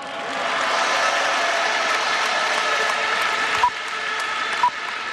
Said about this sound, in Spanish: Estos señores que están aquí nos facilitan muchísimo el trabajo. El mérito de esta copa es tan suyo como nuestro. Un aplauso para ellos.